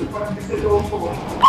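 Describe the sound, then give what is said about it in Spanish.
A small dog lets out a single loud, excited yap right at the end, after a stretch of muffled voices talking in the background. “Hasta el perrito se escucha, que está bien contento.”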